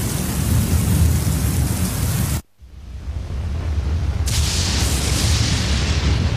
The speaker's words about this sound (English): The roaring drumbeat of thunderstorms, the continuous crackling bursts and flashes of lightning, again and again.